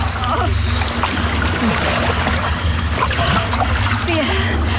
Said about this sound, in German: Es war nicht ganz einfach, das Land zu erreichen. Aber mit einigen Mühen schafften wir es. Mit vereinten Kräften wuchteten wir anschließend unser vollbeladenes Boot so weit aus dem Wasser, dass die Brandung es nicht mehr wegspülen konnte.